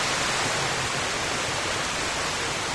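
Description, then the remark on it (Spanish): A steady, dense rush of flowing water, like a stream or small waterfall, holding an even hiss for a few seconds with no voices over it. “El sonido del agua es para muchos viajeros el sonido de la vida, el sonido de reencontrarse quizás con otros grupos humanos.”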